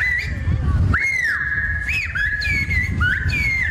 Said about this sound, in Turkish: Ayrıca kuş diliyle yapılan konuşmalarda ilgi gördü.